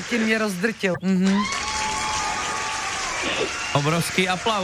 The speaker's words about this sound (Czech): Obrovský aplaus.